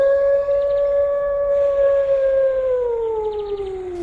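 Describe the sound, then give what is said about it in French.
A single long wolf howl, loud, holding a steady mournful pitch before sliding slowly downward at the end. No one speaks. “parlons plutôt du loup, qui vient justement de sortir de la forêt.”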